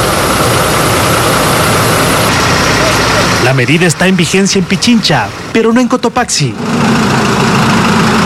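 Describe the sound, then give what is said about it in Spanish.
Idling truck and bus engines rumble steadily in a traffic queue of up to 3 kilometres at the provincial boundary outside Quito, held back overnight by a curfew, a dense continuous drone that briefly softens while someone speaks in the middle, then returns at full strength. “Por eso los autos se frenan en el límite provincial y forman columnas de hasta 3 kilómetros.”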